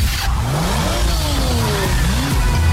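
A car engine revs loudly and accelerates, its pitch climbing in repeated rising sweeps as it shifts up through gears, continuous with no talking.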